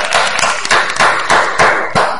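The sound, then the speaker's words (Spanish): A dense burst of applause, many hands clapping at once in a steady crackling wash with slight surges, fairly loud and with no voices over it. “Tú, donde estás aquí, da un aplauso si te gusta esta película.”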